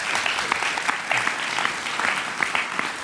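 Steady audience applause welcoming Peter Kostner of ORF Tirol fills the whole stretch, a dense patter of many hands clapping at a fairly loud, even level with no voices over it.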